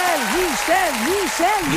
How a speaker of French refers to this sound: Yes, ben, les applaudissements, écoute, prends-les. Parce que t'as écouté le débat hier, t'es mérite en tabarnouche, les applaudissements.